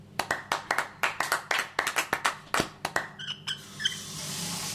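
A small group claps their hands in a quick, uneven burst of sharp, loud claps lasting several seconds, then it trails off, with a faint squeaky tone near the end.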